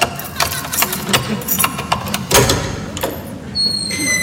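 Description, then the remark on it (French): Keys rattle and scrape in a lock, followed by a few sharp metallic clicks and the thud of a door being opened, with a faint high ringing tone at the end. No one speaks. “Bon, attends, je vais ouvrir, j'ai mes clés”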